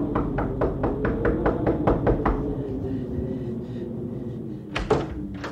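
A rapid, steady run of about ten knocks on a wooden door, clear, followed after a pause by a louder thump or two near the end; visitors knocking at a door on a freezing night.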